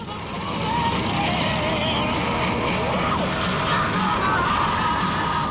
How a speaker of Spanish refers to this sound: Se trata de más de una hora donde solo es uno mismo y Madrid, escuchando la música de las sofisticadas bocinas de las Harley y disfrutando del paisaje urbano.